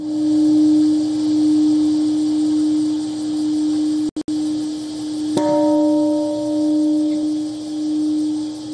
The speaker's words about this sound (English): The ceremony commemorated the devastating attack that was carried out on the 6th of August 1945, when the world's first atomic bomb was dropped on the city. A peace bell tolled exactly at 8:15 a.m.